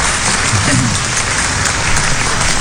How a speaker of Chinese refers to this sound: 所以我谢谢大家的掌声，对我的鼓励，谢谢大家。